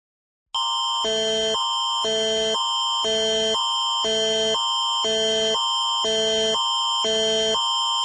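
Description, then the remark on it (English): A loud, harsh Alberta emergency alert attention tone, issued for a missing child in Calgary, blares continuously, alternating between two pitches in a steady, rapid rhythm for several seconds after a brief silence. “This is an Alberta emergency alert for an autistic missing child in the city of Calgary.”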